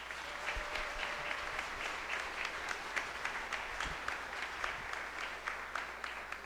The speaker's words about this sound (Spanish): Con mucho agradecimiento damos la bienvenida al sacerdote que nos visita, a nuestro párroco, Padre Abraham, y le regalamos un fuerte aplauso.